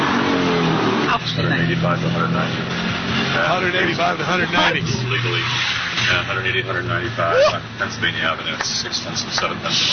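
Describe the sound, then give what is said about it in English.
A race car's engine roars loudly, its pitch climbing and sweeping as it accelerates on the first lap of a race on Pennsylvania Avenue, with tires squealing briefly and voices talking faintly underneath. “What lap are we on here? We're on the first lap during the race.”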